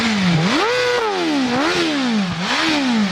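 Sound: four-cylinder engine revving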